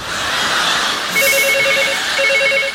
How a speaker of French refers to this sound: Téléphone! J'entends!